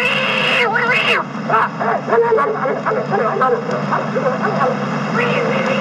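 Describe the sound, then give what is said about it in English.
A cat yowls in drawn-out, rising and falling wails, a few cries close together over a thick, steady background hiss and rumble. “Look out for that cat.”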